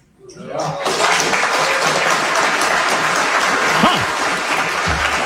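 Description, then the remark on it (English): A crowd at a Marxism conference bursts into loud, sustained applause that swells within the first second and holds steady, a dense wash of clapping with scattered cheers mixed in. “To a rousing applause.”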